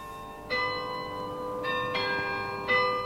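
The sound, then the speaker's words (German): Town hall glockenspiel bells chime in a slow sequence, several bright struck tones ringing out and overlapping with long sustained decay, with no voices. “Da standen sie und hören ihrem Glockenspiel auf dem Rathaus zu.”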